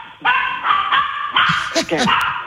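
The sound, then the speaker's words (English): A female dog named Zoe, set off by the doorbell, barks in a rapid, continuous string of loud, high-pitched yappy barks with a few whiny yips mixed in, running without pause for a couple of seconds. “Every time she hears the doorbell, I'm telling you, come here, Zoe, come here.”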